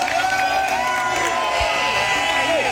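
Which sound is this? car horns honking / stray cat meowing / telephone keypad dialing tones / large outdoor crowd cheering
large outdoor crowd cheering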